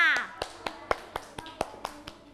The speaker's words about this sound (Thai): กลุ่มต่อไปที่จะได้ออกมากลุ่มที่2ค่ะประมือให้กลุ่มที่2ค่ะ